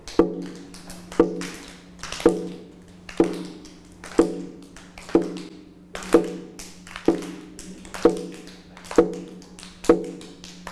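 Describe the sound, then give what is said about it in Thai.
A drum struck by a teacher in a slow, steady beat for children to identify as slow, about one hit per second, each strike sharp and resonant with a ringing low tone that fades before the next. No voices. “เด็กๆคะจังหวะนี้คือจังหวะอะไรคะจังหวะช้าถ้าเด็กๆได้ยินจังหวะช้าต้องเคลื่อนไหวแบบช้าๆ”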